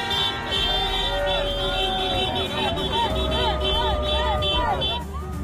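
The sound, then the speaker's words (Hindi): Car horns blare in a steady, overlapping drone over a loud, busy street crowd at night in Madrid, Spain, as football fans celebrate Spain reaching the FIFA World Cup final, with cheering and shouting voices rising and falling throughout. “सड़कों पर नाचते लोग, हॉर्न बजाकर खुशी जताते फुटबॉल के दीवाने।”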